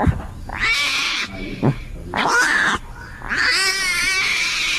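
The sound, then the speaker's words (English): A 10-day-old baby Bengal tiger cub cries out three times, loud, raspy mewling calls with a wavering, bleating quality, the last one drawn out longest. No one speaks. “And today, I was privileged to play mommy to a 10-day-old baby Bengal tiger, and this is what the baby tiger sounds like at that age.”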